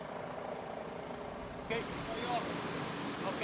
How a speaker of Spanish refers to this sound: Bueno, lo que se puede ver y lo que se escucha son cañones de agua que han estado utilizando los bomberos desde la noche de ayer. Al parecer, una estrategia que está funcionando para combatir este incendio.